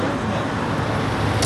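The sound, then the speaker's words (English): Steady roadside traffic rumble in the Aksaray neighborhood of Istanbul at about 6:30 on a dark, cold morning, with a low engine drone as a Royal Iranian Travel bus pulls up and more than a dozen people get off, and a brief brighter hiss near the end, all continuous and moderately loud. “A bus that says Royal Iranian Travel just pulled up, and more than a dozen people just walked out of the bus.”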